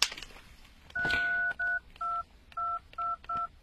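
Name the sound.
phone keypad tones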